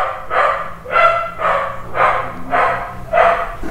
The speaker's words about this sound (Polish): Dobrze, może w takim razie by się piesek odezwał. No. Piesku.